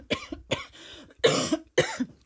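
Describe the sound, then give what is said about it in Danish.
A fit of coughing, as if something is caught in the throat: two quick, lighter coughs, then two harsher, louder hacking coughs with a rough, raspy edge. No talking. “Uha, det er så irriterende, når man pludselig får noget i halsen.”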